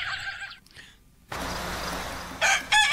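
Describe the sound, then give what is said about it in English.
A little red rooster crows outdoors in the morning, a strained harmonic call that breaks off, followed by a broad rush of ambient noise and a couple of short, sharp calls near the end. “Little red rooster.”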